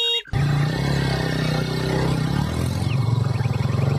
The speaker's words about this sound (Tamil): ஸ்கூட்டர்ல வர்றது காத்து முத்து போல இது. அவரு ஸ்கூட்டர் தான் இது.